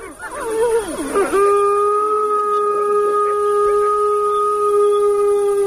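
Wolf pups, protesting after an adult wolf calls for quiet, let out a quick burst of wavering whimpers that rises into a long, steady howl, held for several seconds, fairly loud, with no talking.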